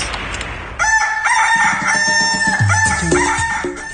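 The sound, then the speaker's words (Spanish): A rooster crows loudly, the radio's rooster sound, a long wavering cock-a-doodle-doo rising and falling in pitch, with a faint hiss of background noise before it begins. “Estás muy lejos del gallo de la radio y necesitamos escuchar las tendencias.”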